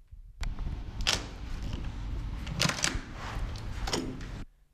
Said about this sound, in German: Er macht die Tür auf.